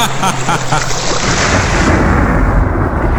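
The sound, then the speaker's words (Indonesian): A loud storm around a ship at sea, dark and windy with high waves: a steady rushing hiss like heavy rain, then a deep rolling thunder rumble swells and continues to the end. No voices are heard. “Tanpa menunggu lama, cuaca di sekitar kapal baga itu menjadi gelap dan berangin.”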